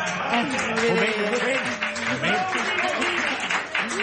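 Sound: applause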